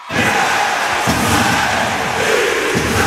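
A loud, dense ice hockey crowd in the Podmežakla arena in Jesenice roars and cheers continuously, with rhythmic chanting pulses and occasional low thumps running through the steady wall of noise.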